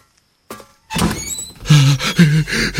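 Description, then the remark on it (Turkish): A cabin door is opened: a sharp clunk of the latch, then a scraping, groaning creak as it swings, with a few rough tonal squeaks toward the end. “Aç çabuk şu kapıyı da girelim kameraya.”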